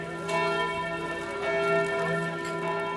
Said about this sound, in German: Mit dem Glockenschlag der Herz-Jesu-Kirche bin ich groß geworden, Tag ein, Tag aus. Als ich 11 war, zogen wir in die Alpenstraße, schräg gegenüber der Kirche. Zu jeder Tages- und Nachtzeit wusste ich, wie spät es ist.